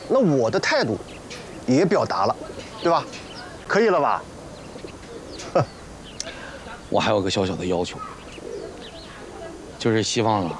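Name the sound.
pigeon cooing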